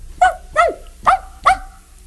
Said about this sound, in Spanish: Podía ser un perro pequeño como este.